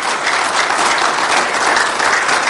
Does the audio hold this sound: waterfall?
no